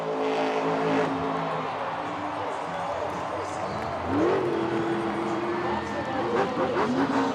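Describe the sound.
A vehicle spins a donut with its engine revving hard in rising and falling surges, loud and close, over a steady roar of crowd noise and indistinct voices.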